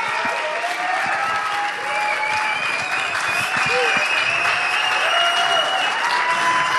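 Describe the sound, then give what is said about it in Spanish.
A live audience applauds a band's live performance on Radio UNAM's Intersecciones, steadily and loudly, a dense wash of many hands clapping that holds at full strength for several seconds without letting up. “Un fuerte aplauso a …, totalmente en vivo.”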